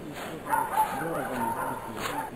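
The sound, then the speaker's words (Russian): A dog barks in several short, scattered bursts, with indistinct men's voices murmuring underneath and a steady background hiss. “Сначала он услышал собачий лай, а затем мужские голоса.”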